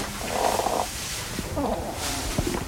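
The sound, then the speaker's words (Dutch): A hedgehog with lungworms, which damage its lungs, breathes with a strange, raspy wheeze, a rough purring rattle in repeated breaths with faint clicks, steady and fairly soft with no voices. “Dus gaan de longen kapot en dan krijg je zo'n rare geluidje.”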